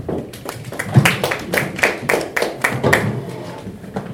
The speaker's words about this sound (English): Thank you so much, Daktari. We can give her a good clap for that.